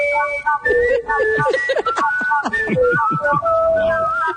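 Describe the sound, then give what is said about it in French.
Several people, local whistlers from Belleville, whistle a tune together on CKFM community radio, holding long, steady notes in close harmony. The whistling is loud, with some murmuring voices mixed in underneath. “Distorsion de Smooth Rock Falls et les sifflettes de Belleville.”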